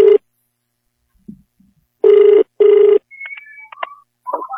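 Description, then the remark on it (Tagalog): A phone line rings back as a testimony hotline calls a Wonder Herbal Oil user who had a motorcycle accident, in repeated steady tone bursts, a short one followed by two longer ones with brief gaps, then a few faint chirpy electronic tones as the call connects. “Karon ato ning tawagan kay matud pa niya na disgrasya kuno siya sa motor unya na bali ang punuan sa iyang abaga.”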